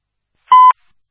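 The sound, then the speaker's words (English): A single brief pager alert tone from a daily radio and pager test for all listening agencies, a steady mid-pitched electronic beep lasting about a fifth of a second, with small clicks at its start and end and silence around it. “For all listening agencies, this is a daily radio and pager test.”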